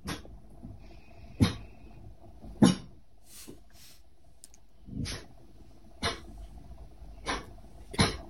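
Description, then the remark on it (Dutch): A dog at home at 8 o'clock gives a series of soft, muffled barks, about seven short woofs at uneven intervals, against a quiet background with no talking. “Maar dat is, hij kan heel hard blaffen.”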